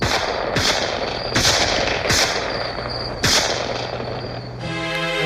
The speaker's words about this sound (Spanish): Logré cruzar la calle, pero mientras corría sentía el silbido de las balas cerca de mi cabeza. Afortunadamente ninguna dio en el blanco.